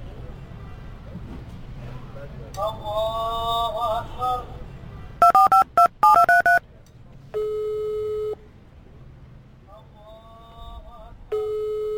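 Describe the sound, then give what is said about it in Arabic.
A rapid series of about half a dozen sharp keypad beeps as a phone number is dialed to call a brother, followed by steady electronic call tones, with muffled voices and background noise around them. “الحين كان أخوي ذا كل ما دقيت عليه فصل، من الصبح أنا ندق عليه وهو يفصل.”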